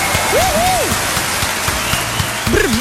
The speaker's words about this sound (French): Karen, 48 ans, on a des applaudissements pour Karen et on lui souhaite d'ailleurs un happy birthday.